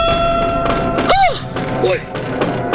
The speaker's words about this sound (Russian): Но только что успел он это сделать, как оба глаза его вместе с глазами мельника и всех присутствующих устремились в одно мгновение на уличное окно. В окне послышался стук.